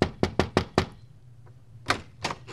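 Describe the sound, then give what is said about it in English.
At night after a concert, someone raps quickly on the door of a church-run home for young people: five knocks in a solid burst, a brief pause, then two more. The knocks are loud, with no voices. “knocked on the door one night after a concert, dripping wet.”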